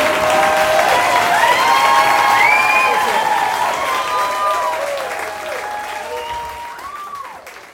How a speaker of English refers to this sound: Thank you so much, Asheville. I appreciate it. Joe Zimmerman, everybody! Keep it going! Woo! Oh, thank you. Thank you. You're still clapping? Okay.